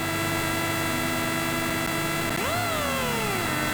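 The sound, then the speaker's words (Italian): A Citroen DS3 Rally 2 rally car engine, heard from inside the car, drones steadily, then revs sharply upward to a brief peak at the rev limiter and falls back down, loud, with no voices. “Possiamo anche alzare a palla il volume, sentire il motore che arriva al limitatore di questa bella Citroen DS3 di Rally 2.”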